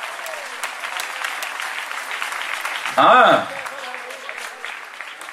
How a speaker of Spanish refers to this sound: Dele fuerte ese aplauso al Señor que está ahora.